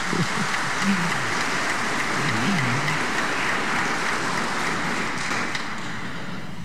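A crowd claps steadily, a dense, even patter of many hands that holds a constant loudness throughout, with a faint voice murmuring low underneath for a moment, applauding a woman who has just received a Bible as a gift.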